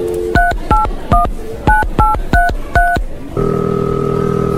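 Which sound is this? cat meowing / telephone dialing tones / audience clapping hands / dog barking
telephone dialing tones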